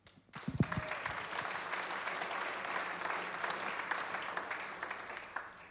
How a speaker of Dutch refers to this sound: Iedereen krijgt een applaus en terecht.